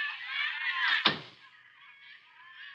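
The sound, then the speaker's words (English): A single solid thunk of a door being shut by someone during a phone call, sharp and fairly loud, cutting through a steady high hiss of background noise that carries on afterward. “Just hang on and phone a minute while I close the door here so as I can...”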